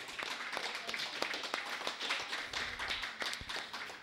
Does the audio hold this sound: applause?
yes